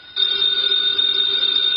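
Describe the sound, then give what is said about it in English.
A telephone on the desk in Nero Wolfe's office rings steadily, a bright, sustained high-pitched electric trill that starts abruptly and holds at an even, fairly loud level throughout, with no voices. “The phone, if you please, Mr. Goodwin.”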